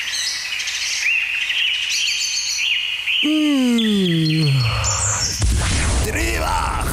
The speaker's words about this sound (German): ich weiss gerade wirklich nicht, ob ich mir irgendeine dumme Überlegung gemacht habe, aber wir haben gerade kurz darüber geredet, ob die Vögel singen, weil, also, du hast gerade gesagt, ja, sie singen nicht wegen der Sonne von aussen.